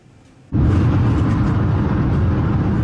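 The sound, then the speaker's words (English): Steady, loud roar of traffic on Highway 78 in the Ottawa Street area of Kitchener, Ontario, cuts in abruptly after a brief quiet moment, a dense rumbling wash of passing vehicles with no voices. “An e-scooter rider weaving in and out of traffic on Highway 78 in the Ottawa Street area of Kitchener.”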